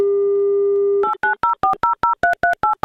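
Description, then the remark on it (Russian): A steady telephone dial tone hums for about a second, then gives way to a quick, even run of about ten short two-pitch keypad beeps as a radio host dials a listener's number in an Avtoradio prize game. No voices. “Набираю ваш номер.”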